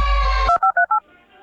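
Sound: telephone keypad dialing tones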